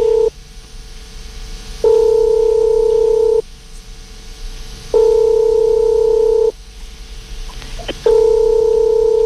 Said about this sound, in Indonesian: Ya kalau coba kita langsung coba telepon hubungi mama, apakah mama bisa kita bisa mengangkat teleponnya siang hari ini?